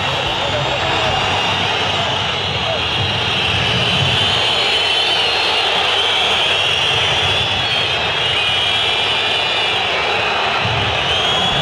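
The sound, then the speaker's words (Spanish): The local home crowd in a stadium whistles loudly and continuously, a dense, shrill, high-pitched wall of sound sustained throughout over a steady roar of crowd noise, without pauses. “Los silbidos.”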